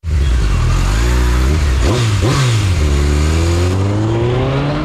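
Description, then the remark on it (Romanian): A motorcycle engine revs loudly, its pitch climbing, dipping in a couple of quick throttle blips, then rising steadily again over a constant wash of traffic noise. “Motocicliștii au primit dreptul legal să se strecoare printre mașini ca să ajungă primii la semafor și să circule pe benzile dedicate autobuzelor.”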